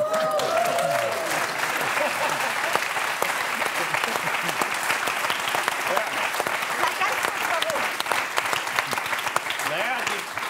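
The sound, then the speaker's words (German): A crowd claps steadily throughout, dense and continuous applause, with faint voices murmuring underneath. “Das Verhalten klatschen kann ich nicht nachvollziehen.”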